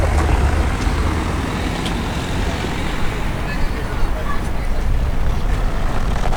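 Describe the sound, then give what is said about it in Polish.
Cars driving past, a steady, fairly loud rumble of road traffic with a heavy low-end roar that carries on without a break for the whole stretch. “Oczywiście, po prostu tak, pojazd, samochody.”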